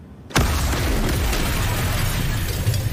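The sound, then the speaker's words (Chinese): The first of two explosions bursts in abruptly after a brief quiet moment, then rolls on as a loud, sustained rumble and roar with low-end weight and hiss, with no voices over it. “这是第一次爆炸，接下来是第二次，10:30第二次。”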